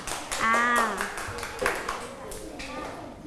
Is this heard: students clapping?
yes